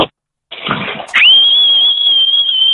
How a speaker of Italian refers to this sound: Io invece vorrei aggiungere a quella sfida lì i decibel, cioè chi fischia più forte, perché io spacco di brutto, cioè proprio no. Cioè, facci sentire, prova a farci sentire il tuo fischio.